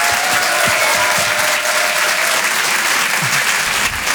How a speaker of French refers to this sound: Je vous demande de l'encourager, on peut l'applaudir très très fort. Voici Didou sur Rire et chansons.